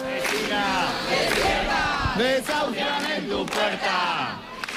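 A large crowd chants and shouts together in loud, rhythmic bursts, many voices overlapping in a continuous protest din with no pause, at the door of the building of an 87-year-old woman being evicted that morning, chanting "¡Despierta! ¡Desahucian en tu puerta!"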